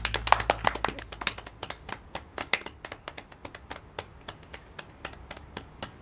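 Sparse, uneven applause from a handful of people at the opening of a security maintenance committee's founding meeting: sharp individual claps in an irregular patter for about six seconds, thinning slightly toward the end, with no voices.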